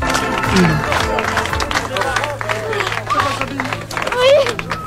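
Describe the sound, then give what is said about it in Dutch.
Steady applause and clapping from a crowd at the homecoming of a 12-year-old girl reunited with her mother, with plenty of hugging and overlapping excited, emotional voices calling out and talking throughout, loud and continuous for the whole stretch. “Hoi, ja, je ziet volop geknuffel, emotionele stemmen overal, uiteraard ook applaus.”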